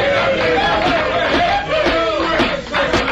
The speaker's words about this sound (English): I sincerely hope that applause was not meant for me.